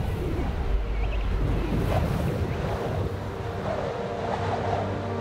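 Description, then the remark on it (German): Howling wind of an icy snowstorm on Marion Island, between South Africa and Antarctica, where tens of thousands of king penguin chicks huddle to keep warm. The wind roars steadily and loudly, a deep rumbling rush with faint gusting swells, and there are no voices. “In dem eisigen Schneesturm können sie sich nur gegenseitig wärmen.”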